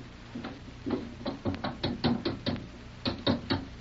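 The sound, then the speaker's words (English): A stuck door is being pushed and yanked, producing a rapid series of about a dozen fairly loud knocks and rattles in uneven bursts, with a brief pause near the end. “I can't move this one, Pat. Same trouble over here.”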